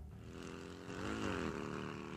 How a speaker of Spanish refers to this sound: Bueno, llega la moto. Llega la moto.